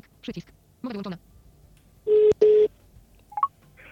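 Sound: telephone dialing tones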